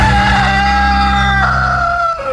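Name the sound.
rooster crowing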